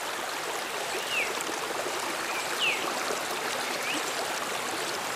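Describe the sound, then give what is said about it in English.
A steady rush of rainforest creek water flowing over rocks fills the scene, constant, with faint bird chirps rising briefly above it a few times. “There's lots of water in the rainforest.”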